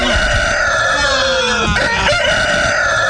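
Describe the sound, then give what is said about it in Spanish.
A rooster crows loudly, a long drawn-out cock-a-doodle-doo with rising and falling harmonic tones, filling the whole moment with no talking. “¿Qué animal despierta a todos cantando al amanecer?”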